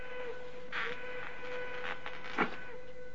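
A faint train whistle holds one steady, sustained tone throughout, with soft rumbling and a brief clatter near the end. No one speaks.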